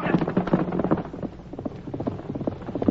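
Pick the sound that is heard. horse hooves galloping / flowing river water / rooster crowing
horse hooves galloping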